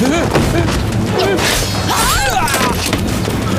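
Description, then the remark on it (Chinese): Artillery fire booms from up ahead in several heavy blasts through a dense, noisy battle din, while voices shout over the top. “他妈的，前面怎么有炮声？”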